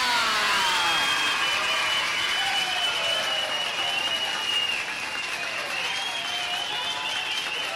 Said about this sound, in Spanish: Lo que ahora vamos a hacer será practicar todos los recursos al mismo tiempo. El silbido, los gritos, el zapateo, el aplauso. ¡Preparado! ¡Listo! ¡Ya!